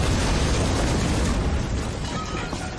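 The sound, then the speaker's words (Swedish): A loud nitroglycerin explosion in an accident at a factory in Stockholm, heard over the whole city, with a dense, rumbling roar that fills the whole moment and slowly fades toward the end. No voices are heard. “Den dagen hördes explosionen över hela Stockholm.”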